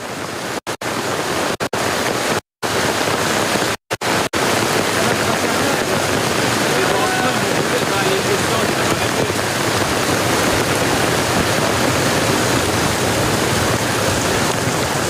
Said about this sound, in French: Ouais, c'est un torrent qui dévale. Hein. Torrent de grêle. Regardez l'eau qui s'écoule sur la chaussée.